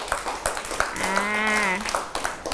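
A small group claps in quick, uneven bursts for a couple of seconds, while a single sustained, wavering vocal cry rises over the clapping midway through.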